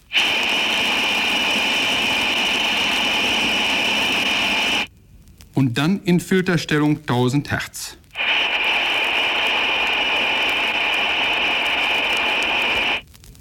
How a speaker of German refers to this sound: Geräusch Nummer 4, Number 4, lässt das grelle Pfeifgeräusch der undichten Stopfbuchse einer Armatur hörbar werden. Zuerst in Stellung Breitband.